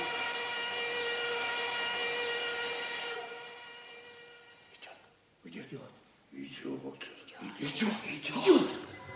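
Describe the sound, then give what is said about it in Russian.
An armoured train moving along rails sounds a long, steady whistle that rings out for several seconds and slowly fades, then voices start talking over the quieter background. “Тихо стонали рельсы, шел бронепоезд.”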